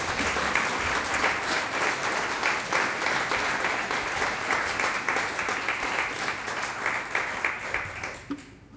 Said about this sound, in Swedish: Det här är en stråkkvartett och de heter …. En applåd för dem.